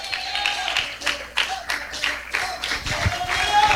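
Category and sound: crowd, audience clapping hands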